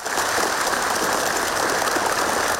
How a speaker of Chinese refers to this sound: …宣布选举结果，会场响起热烈掌声。